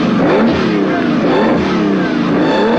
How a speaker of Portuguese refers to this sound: Ponto de partida da corrida mundial sem limite, Speed Racer, piloto da equipe Gol, dispara o motor de seu carro, o famoso Match 5.